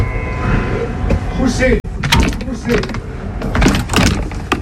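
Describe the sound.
A heavy, archaic door of a precious-stone cutter's premises on Rue du Port in Auvergne is pushed open, grinding and rattling through its mechanism with a brief creak early on, a sharp clunk midway, then more scraping. Faint voices murmur underneath.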